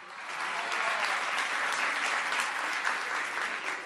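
Steady applause from a crowd at a Lotería Nacional World Cup celebration for Pato Merlín, a dense continuous patter of many hands clapping at even volume throughout, with no voices rising above it.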